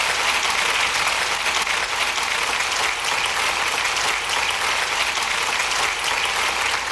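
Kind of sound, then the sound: crowd, applause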